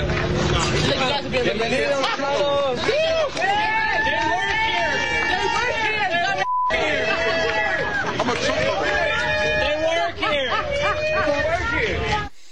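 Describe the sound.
A large protest crowd at an ICE facility cheers and shouts loudly and continuously at people leaving, whom they assume are illegal immigrants but who are Hispanic employees of the facility; many voices overlap in a dense roar, broken only by a brief cut partway through.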